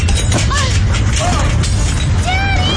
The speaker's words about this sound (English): What's going on? It's an earthquake! Daddy! Everybody take cover!